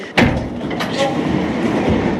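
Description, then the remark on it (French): A lift hums and rumbles steadily as it travels up to the top of an irrigation aqueduct, opening with a sharp mechanical clunk before settling into a continuous, fairly loud drone. “on va prendre l'ascenseur et on va aller au sommet de l'aqueduc.”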